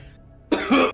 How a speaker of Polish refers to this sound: Kurwa. Wujek, kaszlesz. Kurwa. Cygaro, kurwa, mi się zachciało.